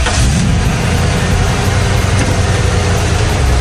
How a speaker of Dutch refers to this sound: Hoor je die vrachtwagen starten midden in een plaat of tussen 2 platen door?